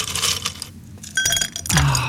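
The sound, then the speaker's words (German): Ice cubes drop into a cup of coffee on a hot morning, giving a few sharp clinks and rattles in quick succession, with no one talking. “Schön, noch ein paar Eiswürfel in den Kaffee.”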